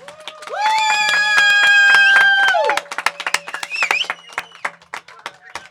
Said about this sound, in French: Nous sommes toujours en direct de Radio Montlon et j'aimerais qu'on fasse un tonnerre d'applaudissements pour Jean-Benoît en direct de Chalon.